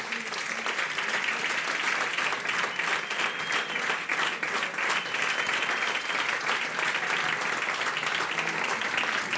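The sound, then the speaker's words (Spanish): An audience applauds during the presentation of a career recognition award at an Álava hospitality event, a dense, even wash of many hands clapping at a constant loudness with no voices standing out. “Les damos un aplauso a ambos.”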